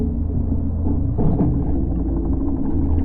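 A fishing boat's engine drones overhead as fishermen prepare to cast their fishing net: a steady, muffled low hum with a constant pitch and an even loudness throughout, with no voices.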